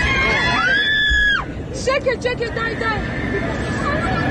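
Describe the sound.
A long, high wailing scream rings out over a steady rumbling drone, then breaks into overlapping frantic shouts and agitated voices from a crowd of panicked people nearby.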